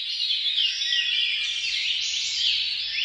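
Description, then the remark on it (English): Dense birdsong fills the scene, many overlapping chirps and trills from several birds at once, steady and fairly loud throughout with no pauses and no voices. “It's the first time that researchers have found that bird song can decrease feelings of paranoia.”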